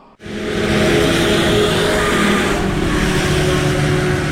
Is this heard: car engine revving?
yes